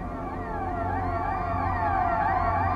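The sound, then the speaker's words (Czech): An aircraft alarm signal wails steadily on board a plane descending fast and flying low, with passengers told to put their heads to their knees, several overlapping siren-like tones rising and falling in pitch without pause, with no voices over it. “zazvoň poplašný signál.”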